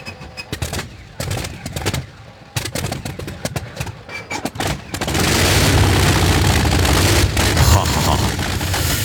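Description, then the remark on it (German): An old car engine sputters with rapid, uneven popping bursts for a few seconds, then opens into a loud, steady, rumbling roar that holds to the end. “Ja, und die sich vielleicht an Zeiten erinnern, als die Motoren noch so geklungen haben.”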